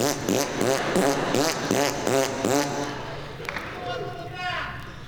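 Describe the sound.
A voice blows a loud, buzzing raspberry (a bilabial fricative, also called a Bronx cheer), the lips fluttering in rapid pulsing bursts for about three seconds before trailing off into quieter, breathy sounds.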